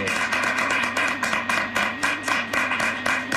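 Audience applause, a dense, steady wash of many hands clapping that fills the whole few seconds at a fairly loud level, with slight rhythmic surges and a faint murmur of voices underneath.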